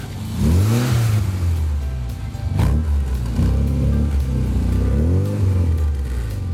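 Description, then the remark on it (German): A red 1964 Volvo P1800 coupé with 100 hp and a sports exhaust revs up loud, its pitch climbing and dropping in several repeated throttle blips over a steady rumbling idle, with no voices. “Das ist ein Volvo Coupé P1800, Baujahr 64. 100 PS, 170 auf der Autobahn.”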